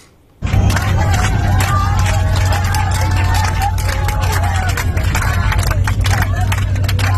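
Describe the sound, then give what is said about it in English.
A crowd of passengers bursts into cheering and scattered clapping inside an aircraft cabin as the plane touches down safely in Tobruk, voices whooping over a heavy, steady low engine rumble that starts abruptly and stays loud throughout. “You can see the passengers there, very relieved, cheering as they hit the ground safely.”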